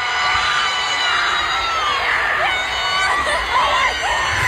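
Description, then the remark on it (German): Harry Styles screams amid a dense, roaring crowd at Wembley Stadium in London, reacting to Harry Kane's goal for England against Congo, with cheers and whoops swelling continuously and loudly for several seconds and no clear talk. “Der Mann, den ihr jetzt gleich im Hintergrund, oh mein Gott, schreien hört, ist Harry Styles.”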